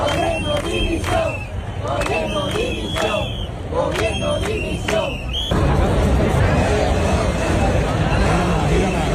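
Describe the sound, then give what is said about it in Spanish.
A large protest crowd in Andalusia, demonstrating in support of the people of Ceuta, chants slogans of support and shouts for resignation, with some insults, in rhythmic bursts over a constant roar of many voices, which thickens into a denser, louder wall of crowd noise partway through. “Solo con lemas de apoyo, como pueden escuchar, también con gritos de dimisión, con insultos en algún caso y con aplausos, como los de Córdoba, donde se manifestaron 23.000 cordobeses.”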